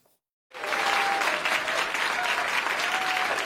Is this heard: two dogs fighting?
no